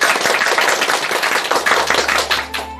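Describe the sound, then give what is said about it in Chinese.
A room full of people applauding to welcome a professor who will give a demonstration poetry recitation, a dense, steady patter of many hands clapping at once, loud, fading slightly at the end with a faint hum underneath. “我们掌声欢迎。”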